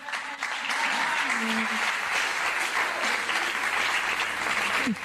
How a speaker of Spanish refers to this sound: Y que podamos encontrarnos en este tiempo y en este momento siendo seres pensantes y sensibles es un hecho tan hermoso que es como para aplaudirnos a nosotros mismos y aplaudir a Dios.